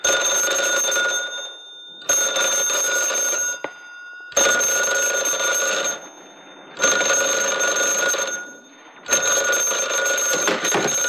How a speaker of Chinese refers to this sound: 立定，接电话。